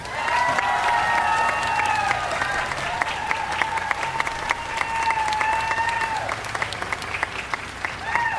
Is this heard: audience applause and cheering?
yes